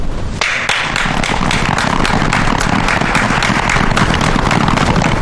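A group bursts into sustained applause, many hands clapping densely and loudly for several seconds with no voices over it.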